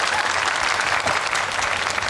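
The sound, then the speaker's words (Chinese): A crowd applauds steadily, a dense, even wash of many hands clapping at once with no pauses, fairly loud throughout the whole stretch. “你瞧，还要掌声。”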